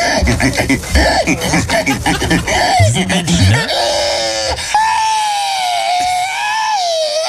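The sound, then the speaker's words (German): A person imitates a pig squealing: a burst of rough, shrill grunting squeals, then a long, loud, high-pitched squeal that wavers up and down before cutting off. “In Estland, da haben jetzt wieder die alljährlichen Wettbewerbe im Schweinequieken.”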